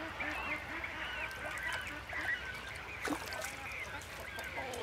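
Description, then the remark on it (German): A bird calls repeatedly in honking, goose-like bursts, steady over a noisy outdoor background, with a sharper cry partway through. “Ob der Vogel sich da nicht überschätzt.”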